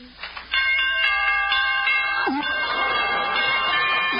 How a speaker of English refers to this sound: Are those door chimes?